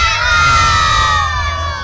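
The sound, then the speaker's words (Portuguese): A loud crowd of children shouts "Galo" together in unison at a Galo fan party in an arena, a sustained high-pitched group yell with a low rumble of the wider crowd underneath. “Se a criançada estiver feliz, vai gritar Galo.”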